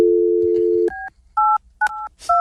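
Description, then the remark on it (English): A steady telephone dial tone cuts off into four electronic keypad beeps as a phone number is dialed, dual-pitched tones pressed in an even rhythm, clear with no talking. “I'm dialing a number.”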